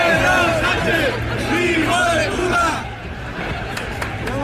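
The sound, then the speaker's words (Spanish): A crowd at the 12 October Día de la Hispanidad parade in Madrid shouts insults at Spain's prime minister, many voices overlapping in a loud, continuous clamor of raised, jeering cries that eases slightly in the last second or so. “Este 12 de octubre de nuevo se han escuchado gritos e insultos contra el presidente del gobierno en el desfile por el Día de la Hispanidad.”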